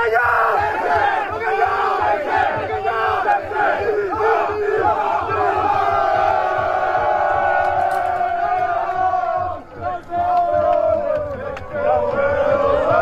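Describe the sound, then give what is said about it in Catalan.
In Malta, at the final whistle of Atlètic Barceloneta's water polo Champions League win, a large crowd roars the war cry "bacallà sec-sec" in unison, loud and sustained, with overlapping voices swelling and chanting together for the whole stretch, dipping briefly before surging again. “Amb el xiulet final es va desfermar la bogeria i a Malta va sonar el crit de guerra, bacallà sec-sec.”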